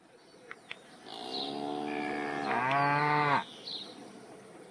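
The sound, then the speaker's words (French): A cow lets out one long, loud moo, its pitch climbing partway through before it cuts off, with faint outdoor ambience and a couple of soft clicks around it. “Par exemple, en m'envoyant chercher une vache qui essaie de bouffer des feuilles de pommier ou autre chose.”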